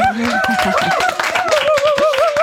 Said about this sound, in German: Applaus.